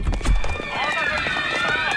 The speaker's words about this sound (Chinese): 哟，这人们都在往楼下跑啊，是不是着火了？